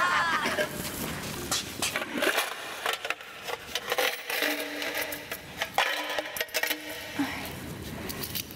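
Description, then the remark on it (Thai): Coins clink and rattle as they are counted out one after another to pay 100 baht for papaya salad, a steady series of metallic taps and jingles over a few seconds, with no speech. “ค่าส้มตำทั้งหมด100บาทครับ เป็นเหรียญได้ไหมคะ ได้เลยครับคือผมชอบเหรียญด้วยครับจะได้เอาไว้ทอน”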